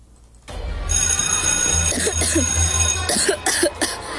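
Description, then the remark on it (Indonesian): Several harsh coughs come in repeated bursts, loud, over a steady background hum, with a brief pause between two clusters of coughing, from a person whose cough has gone on for about six months. “batukmu dari tadi nggak berhenti?”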